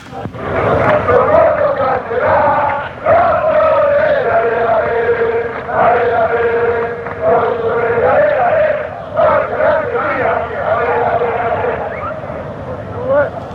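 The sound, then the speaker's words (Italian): A large crowd of football supporters loudly sings a chant of simple encouragement for their team, in unison, a steady repeating melody with rhythmic phrases and brief breaths between lines. “Niente, questo è un coro di semplice incitamento per la squadra, uno dei tanti.”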